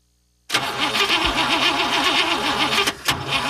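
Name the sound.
car engine cranking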